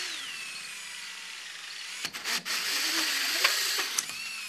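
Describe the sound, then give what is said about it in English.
A hole saw in a drill bores a hole into a scrap piece of wood to make a drill guide, a sustained high whine with gritty cutting noise and a few brief catches and bumps partway through, fairly loud with no talking. “Select the appropriate size hole saw and install it in a drill. Then bore a hole in the scrap wood.”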